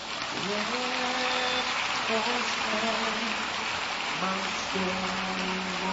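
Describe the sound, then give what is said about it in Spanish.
A crowd claps in a dense, sustained burst of applause for God that stays steady and loud for several seconds, with voices calling out and cheering over the clapping. “¿Le das aplausos a Dios?”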